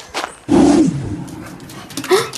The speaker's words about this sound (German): Boah, du bist ja riesig. Wie kann so ein großer Hund nur so fiepsen, dass es sich anhört, als wäre er ein Welpe?